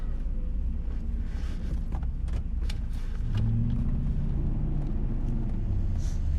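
A car drives along steadily, its low engine rumble and road noise filling the interior, with a few brief clicks and knocks from inside the cabin and the engine note rising briefly midway.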